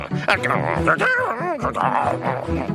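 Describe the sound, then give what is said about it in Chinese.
Animated dog-like vocalizing: a voice yaps, whines and barks in a rapid, chattering string for a few seconds, with no other voices present, likely a performer imitating a dog. “我也很开心了，狗狗。”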